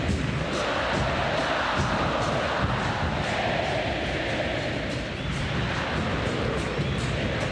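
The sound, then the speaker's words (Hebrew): A large stadium crowd at a football match between Argentina and Benin claps and roars during a one-minute stoppage in a dense, steady wash of sound, with rapid overlapping claps rattling through the noise at a constant loud level and no single voice standing out. “כן, נקל שהיה קצת שקט בהתחלה, אז הדקה הזאת של העצירה, של המקלות כפיים, קצת עוררה כאן את היציעים, וטוב שכך.”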